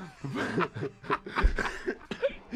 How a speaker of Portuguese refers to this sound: Agora, tu... depois da risada, veio a tosse do velho.